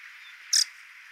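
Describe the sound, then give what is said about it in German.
A red-breasted flycatcher gives one short, high, sharp call note, lasting barely a tenth of a second, over a steady hiss. Nobody speaks. “Ja, der Zwergschnapper ist bei uns hier tatsächlich so an seiner westlichen Verbreitungsgrenze.”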